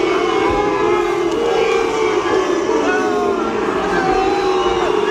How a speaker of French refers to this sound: je vais vous faire vivre quand même l'arrivée des joueurs du Rayo Vallecano. Écoutez-moi cette bronca. Oh là!